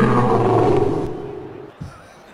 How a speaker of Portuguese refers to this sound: Leão tá vencendo, cadê o rugido do Leão? Ruge, Leão!